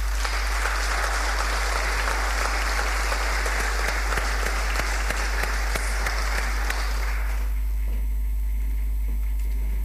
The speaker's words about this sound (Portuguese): Passamos agora para a entrega do Prémio de Mérito Escolar aos melhores alunos do segundo ciclo do ensino básico e para a entrega destes prémios chama ao palco a Sra. Vereadora Cláudia Martins e o Sr. Vereador Ruben Figueiredo. Uma salva de palmas.